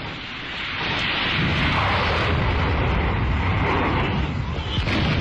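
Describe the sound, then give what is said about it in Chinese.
A dense, continuous roar of artillery bombardment swells in after a quiet start, with booms blurring into a steady rumbling barrage that stays loud throughout: the guns of the army at Fenghuang Mountain opening their general offensive. “这时候传来了凤凰山火军开始总攻的炮声”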